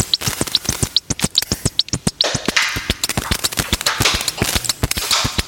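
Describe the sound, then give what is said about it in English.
A papery, snare-like drum sound designed from a short recording of two sheets of wide ruled paper rubbed together, struck in quick, uneven rhythmic patterns, each hit a sharp crisp crack with a short hissy tail. Loud and steady throughout, with no voices. “A snare drum sound designed using a short audio recording of two sheets of wide ruled paper being rubbed together.”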